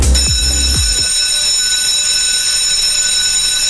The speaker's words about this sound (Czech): Jo, tohle. Zvonění. Tak tohle, myslím, napadlo určitě většinu z vás. Pro někoho otravné, jak mi řekli teda sami děti doma.